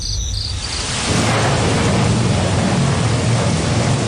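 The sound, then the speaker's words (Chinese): Steady hiss of a midsummer rain shower that swells after about a second, with a deep rolling rumble of thunder underneath. A faint high insect-like chirp is audible at the start, and nobody speaks. “哎，怎么说着说着就下雨了呢？”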